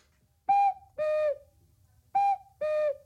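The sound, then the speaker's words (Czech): A cuckoo clock calls twice, each call a clear two-note whistle stepping from a higher note down to a lower one, loud, with a quiet pause between the calls. “Jo, proč kukají, tati?”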